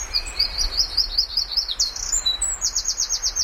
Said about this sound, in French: Il est petit. Il a un chant qui pète. Voilà. Il est pas grand comme une grive musicienne, mais il chante presque aussi fort.